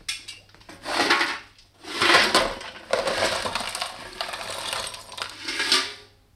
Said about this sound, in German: Ich wollte nur noch etwas Kohle für Ihren Kamin bringen. Bitter kalt heute Abend.